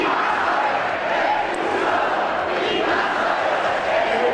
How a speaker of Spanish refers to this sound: Entre los manifestantes, gritos de Ceuta no se vende, Ceuta se defiende, también insultos al presidente del gobierno y peticiones para que se expulse a los migrantes.